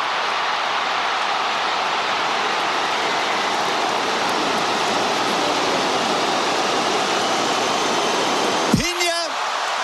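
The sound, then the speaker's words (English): A huge stadium crowd in Miami roars in a steady, dense wall of cheering after Cape Verde scores its first ever World Cup goal, a strike from about 35 yards against Uruguay, with a sharp rising whistle-like tone cutting through just before the end. “You can really hear the thrill and even the shock of the crowd.”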